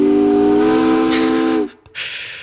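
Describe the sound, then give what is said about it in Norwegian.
A loud steamship whistle blasts steadily on a deep, harmonic-rich tone for about a second and a half, then cuts off, leaving a brief gap before a rush of hissing steam. “Jeg antar at du ikke ute og kjører et dampskip denne onsdagskvelden”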